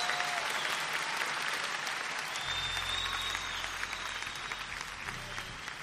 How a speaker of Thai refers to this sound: ขอเสียงตบมือด้วยครับ